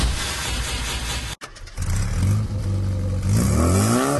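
A car engine roars loudly, cuts out for a split second, then revs up again with a steadily climbing pitch as it accelerates, with no voices.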